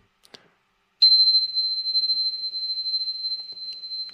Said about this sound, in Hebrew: וכמובן הגוון של הצליל, יש צלילים בכל מיני תדרים, אפילו פעמונים. לדוגמה, הפעמון הזה,